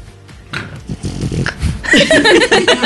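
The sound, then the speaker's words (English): A burst of loud, breathy snorting and snuffling into a microphone, rough and wet-sounding, with several short nasal pulses building to a harsher, noisier grunt toward the end. “She just snorted into the microphone.”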